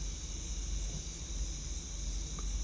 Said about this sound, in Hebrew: ולאט לאט, העבירו תשומת הלב שלכם לצלילים של הצרצרים.